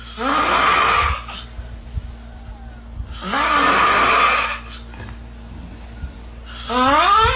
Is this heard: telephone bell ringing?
no